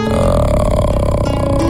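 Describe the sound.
A single deep, sustained vocal drone at the lowest note the body can make without forcing the vocal cords, produced from the mouth like a burp-style croak as a vocal warm-up exercise, held steadily and loudly for under two seconds with no speech over it.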